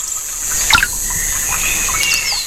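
Water trickles and burbles steadily beside a bench in the Rostocker Heide heathland in Mecklenburg-Vorpommern, Germany, a continuous wash of sound, with a few short bird chirps breaking through near the start and again toward the end.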